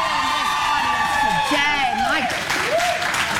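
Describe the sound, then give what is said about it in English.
A studio audience of the Canadian television show The Social applauds steadily with dense, continuous clapping, and loud whoops and rising cheers sound over it throughout. The clapping stays at an even level from start to finish. “You need to give yourselves a round of applause for the fashion.”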